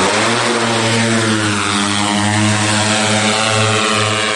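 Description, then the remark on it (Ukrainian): A steady, loud propeller drone hums and buzzes throughout, its whining engine tone holding a constant pitch with slight wavering: a Ukrainian military drone with food attached, carrying it across the Dnipro to occupied Oleshky in Kherson region. No one speaks. “Українські військові пакують харчі, кріплять до безпілотника.”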